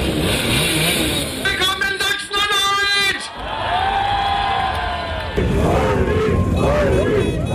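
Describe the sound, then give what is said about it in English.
Small Simson Schwalbe moped engines rev loudly, pitch climbing and falling in bursts, while a crowd cheers and shouts over a steady background din, during an AfD motorcade led by candidate Ulrich Siegmund on a blue moped in the village of Quedlinburg, Saxony-Anhalt, on a Sunday. “Ulrich Siegmund, the AfD's 35-year-old candidate for the upcoming state election, is leading a motorcade atop a blue moped, the AfD's signature colour.”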